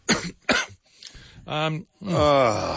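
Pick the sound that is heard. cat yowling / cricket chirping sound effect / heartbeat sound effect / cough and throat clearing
cough and throat clearing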